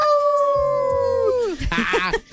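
A long, sustained dog howl with a steady pitch that slides downward at the end, followed by a brief burst of other yelping dog voices from a pack led by a dog named Yeli. Loud.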